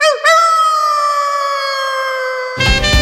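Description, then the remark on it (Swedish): A single long wolf howl: a brief rising swoop settles into a steady, sustained tone that holds for over two seconds before a sudden burst of rough, noisy sound cuts in. “Fåglar dansar, vargar ylar”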